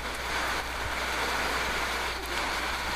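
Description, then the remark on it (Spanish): Steady rain falling on a roof, a dense, even hiss of countless drops that holds at a constant moderate level throughout, with no voices. “Sí, todos los buenos audios que tenemos aquí, ya la lluvia sobre nosotros.”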